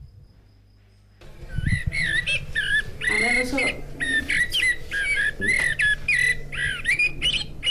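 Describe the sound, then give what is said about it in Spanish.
A blackbird's fluting song from a bird clock, marking one o'clock, starts after a brief quiet moment, a run of clear, varied whistled phrases that continue steadily over a faint low hum, sounding like a recording played back. “Es el mirlo y tiene pues muchos pájaros más.”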